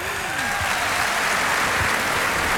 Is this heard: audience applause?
yes